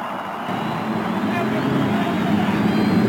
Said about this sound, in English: And to the cheers of over 300,000 fans, the engines are started along the main stretch.